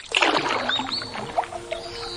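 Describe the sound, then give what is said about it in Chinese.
Oars dip and splash through water in a steady sequence of swishing, gurgling strokes, with a faint thin tone lingering underneath and no voices. “泛舟行笔，写下萍水相逢的诗行。”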